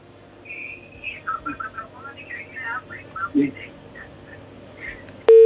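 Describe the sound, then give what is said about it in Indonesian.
Faint, garbled warbling over a listener's phone call to a radio program, then a loud, steady busy tone abruptly cuts in at the very end as the call drops. “Oh, sayang sekali terputus.”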